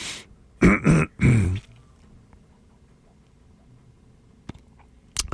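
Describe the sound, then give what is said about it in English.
Three quick, harsh coughs and throat-clearing bursts in the first second and a half, followed by near quiet with a faint click and a brief rustle near the end. “Excuse me a second, I have to cough.”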